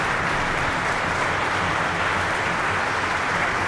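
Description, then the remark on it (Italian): A concert audience applauds a young performer from Ticino, a dense, steady wash of many hands clapping with no voices standing out, holding an even level as the applause fades out. “E sfumano gli applausi.”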